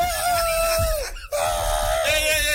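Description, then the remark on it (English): Argentina football fans scream in celebration, loud, in two long sustained bursts with a brief gap between them, the pitch rising and wavering throughout. “Argentina fans, scream out.”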